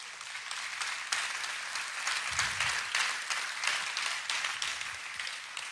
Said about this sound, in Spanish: Yo creo que Dios merece un aplauso.